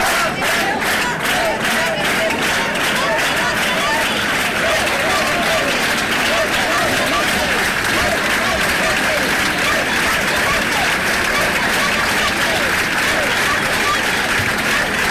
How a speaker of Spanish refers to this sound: Ceuta, Ceuta, Ceuta, eran los gritos, Ceuta no se vende, que daba paso a un sonoro aplauso.